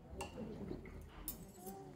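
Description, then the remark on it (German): Wine glasses clink together a few times in a toast to the winemaker, bright, one clink leaving a short ringing tone, over a low murmur of voices in the background; the glasses hold wine from the winemaker's own vines. “Da stößt man gerne auf den Winzer an.”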